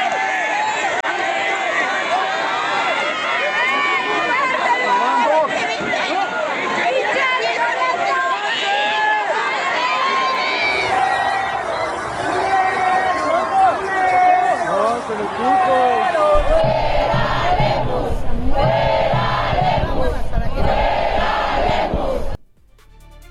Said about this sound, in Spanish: Así se escucharon las protestas en la calle. ¡Lemus, pendejo! ¡El agua es un derecho!